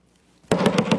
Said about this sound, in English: Suddenly there's a knock at the door. And Job normally is not interrupted by any of the servants, but this messenger has something worth interrupting to say.